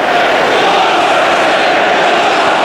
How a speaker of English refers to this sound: It's got the crowd riled up anyway.